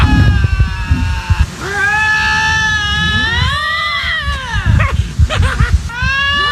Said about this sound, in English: Have we ever played lynx mating noises on the show before? I feel like we have played different cat mating noises on the show before.